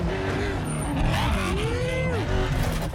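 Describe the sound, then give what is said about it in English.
The loud, roaring engine of an off-road racing truck revs and strains continuously, its pitch rising and falling as it drives hard and fast through mud and over jumps, with gritty road and wind noise throughout. “There's no question that this truck is the king of suspension and racing off-road.”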